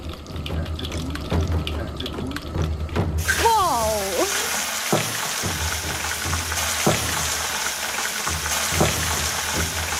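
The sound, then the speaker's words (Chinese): A loud, steady sizzle of beef chunks being stir-fried in melted beef tallow with river pebbles heated to 400°C, in Yi-style stone-cooked beef, with sharp clacks and scrapes as the pieces are stirred and turned. “等牛油完全融化后，把牛肉块下锅翻炒。”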